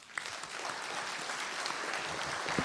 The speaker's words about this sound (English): And a big round of applause for all the candidates running for the mayor of Penticton.